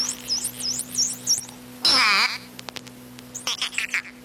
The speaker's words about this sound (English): The Miami... Dolphins! That's a dolphin. Nice work.